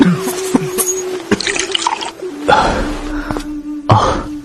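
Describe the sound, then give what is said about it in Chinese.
Mei Changsu, seated in a chair, coughs repeatedly, bothered by strong ambergris incense, a series of harsh bursts at uneven intervals over a few seconds, with nobody speaking. “只见梅长苏坐在椅子上不停地咳嗽，萧景睿在一旁给他轻轻地拍着背，他连忙问道， 苏兄怎么了？”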